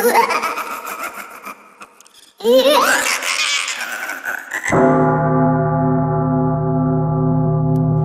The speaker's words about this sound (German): eine Glocke verbindet man im Abendland eher mit einem harmonischen Gefühl, wenn man die Glocken hört.